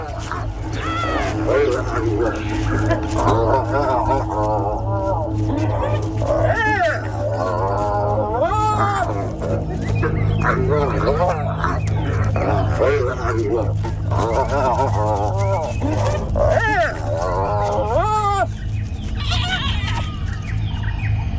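Spotted hyenas call again and again, loud whoops and yelping cries that swoop up and down in pitch, over a steady low rumble throughout.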